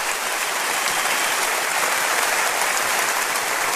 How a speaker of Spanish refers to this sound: Denle un aplauso a Cristo, por favor.